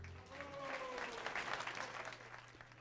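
crowd, warm applause

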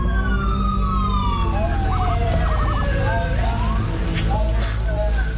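signal or alarm, emergency vehicle sirens wailing

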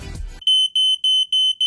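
signal or alarm, smoke alarm beeping

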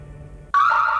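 signal or alarm, alarm going off

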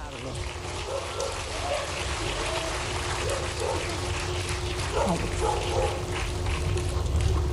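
animal, small dog barking

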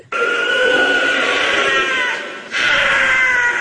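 animal, wild cat scream

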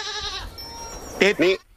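animal, goat bleating

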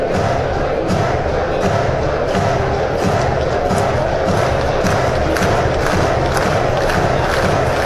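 crowd, baseball stadium crowd noise

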